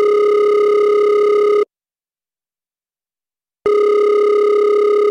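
A telephone ringback tone from a call made on a neighbour's mobile phone: a steady electronic buzz sounds for about a second and a half, stops for two seconds of silence, then starts again, loud and clear with no voices.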